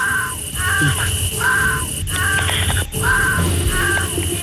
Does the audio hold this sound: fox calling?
yes